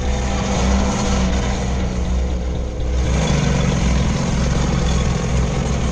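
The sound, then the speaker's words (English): A center console boat's engine drones steadily and loudly during a chase after a smugglers' boat, a low throbbing hum with a rough, constant roar layered over it and no pauses throughout. “The horsepower of the center console watercraft wasn't its most significant feature, but the smuggler's boat was moving slowly for stealth.”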